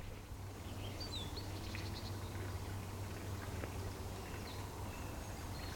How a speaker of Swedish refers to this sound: Och lyssna här, fåglarna.